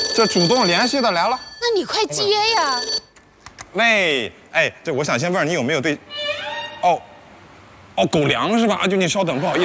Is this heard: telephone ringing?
yes